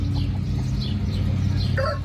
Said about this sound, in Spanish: A ver, tenemos por allá a los gallitos.